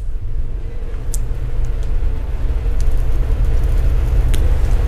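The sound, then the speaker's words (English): A train passing in the distance, heard as a steady, deep low rumble that holds throughout, with a few faint high clicks over it and no voices. “Yep, I hear a train off in the distance.”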